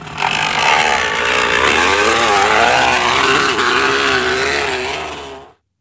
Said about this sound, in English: You know what? I'll give you a ding on that because that's what it sounds like, a motorbike. It's actually a kid who's put a crunched up can or water bottle in the back tire.